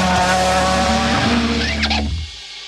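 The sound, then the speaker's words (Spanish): Rally cars race in the WRC World Rally Championship in Chile: a loud racing engine roars, its pitch climbing, then tires briefly screech in a skid before the sound cuts off abruptly. “Velocidad, adrenalina y los mejores pilotos del mundo recorriendo nuestras rutas.”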